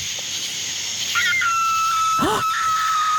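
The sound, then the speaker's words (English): A coyote or fox calls at night in the pitch-black countryside: a thin, drawn-out high wail followed by a brief swooping yelp, heard over a steady hiss of insects with no talking. “That's a coyote fox.”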